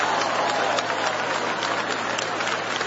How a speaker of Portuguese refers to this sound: Bate palmas da glória. Bate palmas da glória.